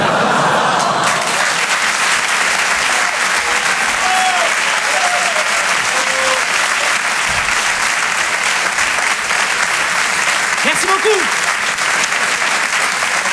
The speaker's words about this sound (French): En direct sur Rire et Chanson, Jérémy Charbonnel, depuis le Grand Point Virgule. Merci de garder cette énergie, de faire un tonnerre d'applaudissements pour Antonia de Randinger.